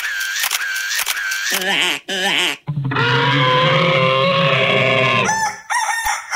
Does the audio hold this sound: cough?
no